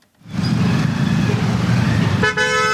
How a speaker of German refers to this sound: Ein typischer Morgen in Delhi. Der Verkehr nimmt zu, von überall her ertönen Hupen. Zwei Räder zwängen sich durch die Lücken.